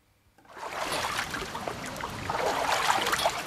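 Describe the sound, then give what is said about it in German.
Someone wades through the shallow water of a well-filled Kneipp pool at the Kneipp facility am Tannenbaum in Bad Wörishofen, with steady sloshing and splashing that starts after a brief silence and continues at a moderate level, no voices. “So klingt es normalerweise beim Wassertreten an der Kneippanlage am Tannenbaum in Bad Wörishofen, wenn das Becken gut gefüllt ist.”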